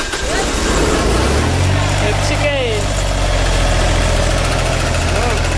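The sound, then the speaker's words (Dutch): A truck engine starts up partway through and settles into a steady, low, rumbling idle that continues to the end, with people's voices and brief exclamations over it, as a watering can is put on the truck. “Hier, dan gaan we eerst gewoon even die gieter op de truck doen.”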